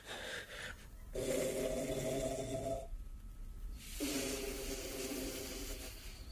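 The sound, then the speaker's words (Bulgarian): Loud, rasping snoring, two long drawn-out snores separated by a brief quiet breath, each one rumbling and harsh with a strong low buzzing tone. It is the Black King snoring, settled in to snore as loudly as he can. “Черният цар хърка. Нагласил се е нарочно, за да хърка колкото може по-силно.”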